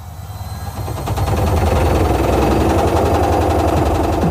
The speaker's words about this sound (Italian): Ancora con quella vecchia lavatrice che balla il tip tap? È ora di cambiare musica.